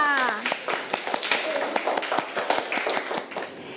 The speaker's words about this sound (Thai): ปรบมือให้กับกลุ่มที่2ค่ะ